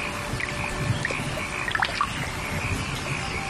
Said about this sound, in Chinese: 夏天，增城正国镇，听，雨滴溅起早稻清香。